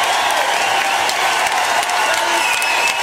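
A large audience claps steadily and loudly throughout, a dense wash of applause with scattered cheers and a whistle or two rising above it, no pauses from start to finish.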